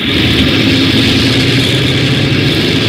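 A loud, steady roar of an airplane propeller engine running up, a dense continuous drone with a low throbbing rumble that holds even throughout, with no voices; port engine 1 of the Skyliner, Flight 35, started during the check for takeoff.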